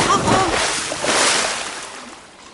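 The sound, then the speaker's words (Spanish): Ocean water splashes and churns in a steady, broad wash where people are about to swim with sea lions, swelling briefly in the middle before slowly fading, with faint voice-like sounds early on. “Estamos en el océano, listos para nadar junto con los leones.”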